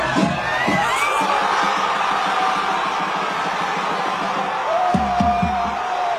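A packed crowd of Argentina fans in a pub in Perth, Western Australia, roars and cheers at the final whistle as Argentina reaches the World Cup final, a dense, loud wall of shouting voices with whoops and yells rising above it throughout.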